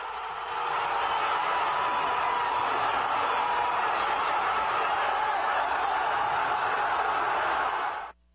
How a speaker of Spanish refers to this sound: Decenas de miles de aficionados saltaron y gritaron, mientras que otros se abrazaron no solo con amigos, sino hasta con desconocidos. Aquí el momento.